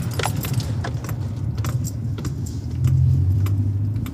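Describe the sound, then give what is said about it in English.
A car rumbles along a bumpy sand track on top of a sand dune beside Salt Creek, near where it runs into the Coorong, on a windy day. Its low engine drone is steady and swells slightly near the end, while loose items rattle and jangle in sharp clusters with each jolt. “Oh, geez, the road's bumpy.”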